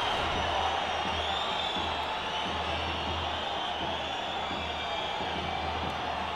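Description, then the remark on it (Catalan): A large stadium crowd at a Mallorca versus Valladolid football match roars steadily, with shrill, wavering whistles aimed at the Valencian referee rising above the din for the whole stretch and a low rumble underneath. “Xiulets a la graderia contra l'àrbitre, contra el col·legià valencià”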